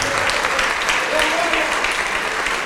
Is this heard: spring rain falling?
no